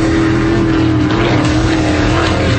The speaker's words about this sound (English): The X Insurance Clearwater Offshore Nationals, September 25th through the 27th on Clearwater Beach. 90 race boats, over 140 miles an hour. Close enough to feel it.